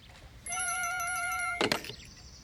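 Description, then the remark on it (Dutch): A telephone rings with a steady, bright electronic tone for about a second, then cuts off with a clunk as the receiver is picked up; no one speaks. “neem jij me even, dat zal mijn telefoontje zijn.”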